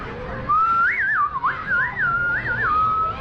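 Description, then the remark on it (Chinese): A person whistles a birdlike tune imitating an oriole, a clear, steady high tone that rises and dips in quick warbling swoops for about three seconds, with no talking over it. “你看我学的黄鹂鸟儿像不像啊？”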